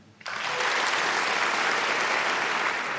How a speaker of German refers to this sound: Applaus